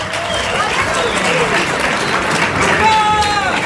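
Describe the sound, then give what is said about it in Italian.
Steady applause from a crowd greeting player Luca Marianucci as he is called up, dense and sustained throughout, with some voices calling out over the clapping. “Vieni Luca, un grande applauso.”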